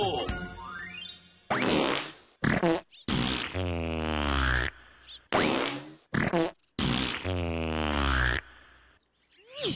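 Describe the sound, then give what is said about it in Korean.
A loud, drawn-out fart, attributed to an umbrella seller from Jeju Island, that sputters and wobbles, breaking into several bursts with two especially long stretches, after a brief tinkling intro. “두 번째 방귀는 멀리 제주도에서 온 우산장수의 방귀요.”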